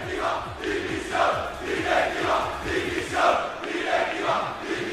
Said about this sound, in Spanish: Pues aquí, la avenida de Suecia, lo he esperado. Cientos, me atrevería a decir miles de personas se han quedado en la puerta del palco. Como, mira, vamos a escucharlos.